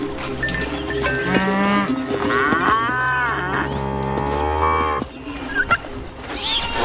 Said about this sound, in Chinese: 成千上万的山羊、牛和骆驼挤满了保护区，大象甚至把水井边的位置让给了他们。